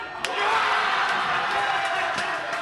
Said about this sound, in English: Paraguay wins, vanquishing the legendary German squad. The crowd goes nuts, and then, wait for it, the whole place comes under a sort of sonic assault.